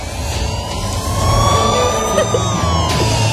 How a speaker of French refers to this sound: C'est à Manhattan, mais il y a un peu de trafic là actuellement sur la route.